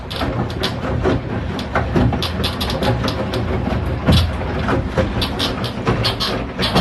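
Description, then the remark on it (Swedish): A home washing machine in a bathroom runs a wash with a loud, steady mechanical rumble, broken by frequent irregular rattles and knocks as the drum turns. No one speaks. “Och för alla tvättmaskinsmontörer där ute, jag ska visa åt er nu hur min tvättmaskin låter när den tvättar. Så här låter den.”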